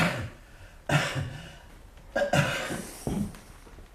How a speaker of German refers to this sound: Tiefer atmen. So, ja. Husten.